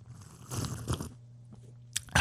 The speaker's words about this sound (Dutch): Ja, ben je er klaar voor? Voor je koffieslurp? Ai, hier komt ie, luid.